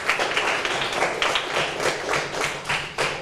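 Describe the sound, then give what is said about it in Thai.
A class of students clap together for a classmate in a classroom, a dense, steady patter of many overlapping hand claps held at an even, fairly loud level for a few seconds, with no voices. “ขอบคุณมากปรบมือให้เพื่อนด้วยครับ”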